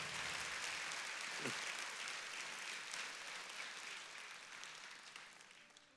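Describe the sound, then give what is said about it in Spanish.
Sustained audience applause, a dense wash of many hands clapping at a steady level that gradually thins and softens toward the end, with no one speaking over it. “Este aplauso tiene que ser más fuerte, porque él representa tu casa, tus hijos, sí.”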